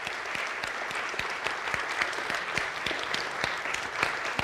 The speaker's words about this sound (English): Can we give a round of applause for all of those moving up?